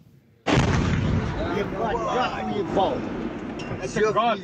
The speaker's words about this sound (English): Ukrainian drones have hit targets deep in central Russia. This is the moment a residential building was hit in a town in Tatarstan.